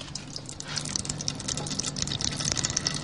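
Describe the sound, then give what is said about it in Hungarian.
Dark brown oil trickles and pours from the side of a perforated vessel in a press being pushed down by hand into a red Bonyhád vessel placed beneath, in a steady, continuous stream, with a soft hiss and small bright splashing ticks throughout. No one speaks. “és elméletileg az edénynek, a lyukas edénynek az oldalán, akkor így is van, megindul a sötét barna színű olaj, és elkezd lecsorogni abba az edénybe, abba a piros bonyhádi edénybe, amit alá tettünk.”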